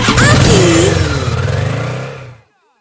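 A motorcycle engine revs loudly, a rough, throaty roar that rises and falls in pitch for about two seconds before cutting off abruptly into silence.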